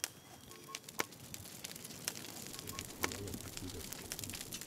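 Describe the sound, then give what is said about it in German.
A campfire crackles steadily in the wilderness in Germany, with irregular sharp pops and snaps over a soft, continuous hiss of burning. “Das Feuer brennt und die Natur liefert eiweißhaltige Nahrung.”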